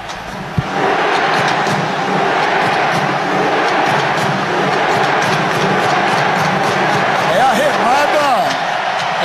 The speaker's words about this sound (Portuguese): nesse exato momento que começa a remada dos torcedores noruegueses aqui, onde tem uma camisa vermelha, tá tendo a remada. Olha, é muito legal, cara. Olha lá, vamos ouvir.